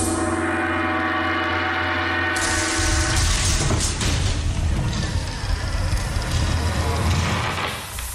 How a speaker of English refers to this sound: Tap on that gong there, would you, Tin Man? Axe or Knuckles? Knuckles.